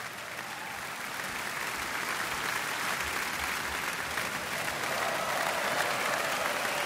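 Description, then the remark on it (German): Sustained, dense applause from a large concert audience in Kiel for the NDR Radio Philharmonie and its chief conductor Stanislav Kotschanowski, a steady wash of many hands clapping that swells slightly and stays loud throughout, with no voices standing out. “Und dafür gibt es jetzt nochmal viel Applaus hier in Kiel.”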